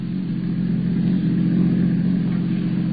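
A car carrying passengers to a dock drives along with a steady, low engine drone and road rumble that holds an even loudness throughout, with no voices.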